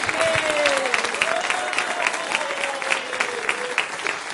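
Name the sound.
audience applauding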